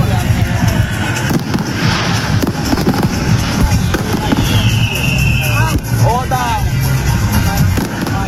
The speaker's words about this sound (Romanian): Mi-a plăcut și focul de artificii de la miezul nopții, deși mulți oameni l-au ignorat.